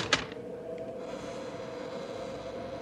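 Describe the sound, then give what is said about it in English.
A sharp latch-like clack, then a couple of softer clicks as the door of a ramshackle building is tried and pushed open, followed by a steady low rumble of background noise. No one speaks. “Let's try the door.”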